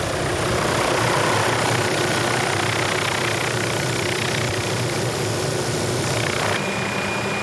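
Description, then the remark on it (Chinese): A helicopter's engine and rotor drone on steadily and loudly during a ten-minute flight over the active Kilauea volcano crater. It is a dense, constant roar with a low throbbing hum and no voices. “为了实际记录基拉维亚火山的活跃喷发，我们坐上直升机，冒险前进地球上最危险的火山口。”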